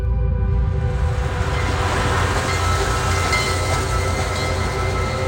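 A train rolls steadily along the rails with a loud, continuous rumble and faint metallic whining tones for several seconds with no voices.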